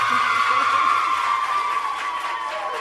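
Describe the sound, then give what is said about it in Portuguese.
A crowd claps steadily for a few seconds for the Escola Secundária Kissimavota, a dense, even wash of applause with a faint high ringing tone running underneath and a few murmured voices. “Uma salva de palmas.”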